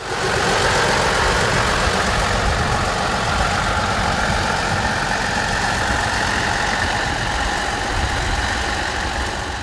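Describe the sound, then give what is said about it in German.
A locomotive engine runs as the locomotive is moved into position before the train departs. It makes a loud, continuous rumbling drone and a dense mechanical hum, holding an even level for the whole stretch, with no voices. “Bevor es losging, wurde schließlich noch die Lok in Position gebracht.”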